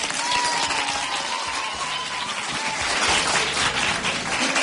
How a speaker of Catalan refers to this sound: Va, un fort aplaudiment també per l'Institut Mediterrània.